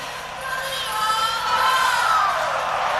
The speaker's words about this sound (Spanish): De Paul la ovación. Álvarez. Julián Álvarez y por los más aplaudidos. Muy aplaudido.